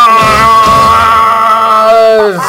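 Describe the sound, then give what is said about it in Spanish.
A man calling in by phone to the radio station La Que Buena shouts "¡Viva México!" and lets out a long, loud, sustained yell imitating a Mexican grito, holding a strained high pitch for about two seconds before it wavers and drops off at the end. “¿Qué fue ese grito, carnal? ¿Lo ibas a vomitar o qué?”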